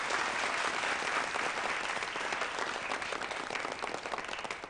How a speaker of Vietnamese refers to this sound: Chúng ta cho tràng pháo tay nhiệt liệt nhất hoan nghênh sếp Đường chính thức gia nhập.